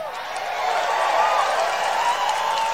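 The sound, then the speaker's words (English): A large crowd at a rally applauds and cheers steadily, a dense, continuous wash of clapping and voices that holds at a fairly loud, even level throughout. “I mean, yeah, he's got a good crowd there, too. Good crowd there.”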